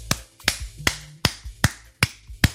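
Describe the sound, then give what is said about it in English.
Seven sharp, loud claps land in a steady, even rhythm without any talking, each one cracking out crisply before the next. “Big claps.”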